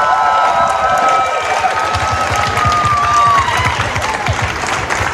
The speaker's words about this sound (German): Deswegen die besondere Erwähnung von uns Jury für den Queertreff-Container in Nürnberg. Bitte schön, einen großen Applaus!